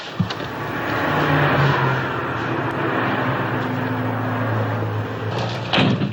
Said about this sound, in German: Er sieht, wie sie mit einem anderen Mann spricht, nachts im Auto. Er öffnet die Wagentür.